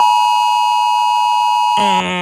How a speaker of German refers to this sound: Heute um 11 heulen die Sirenen, das Handy schreit. Warntag in Baden-Württemberg. Für 5 Minuten wird heute Mittag wieder alles unterbrochen. Es klingt nach Alarm. Ja, ziemlich kalt, sehr sachlich. So ein Warnton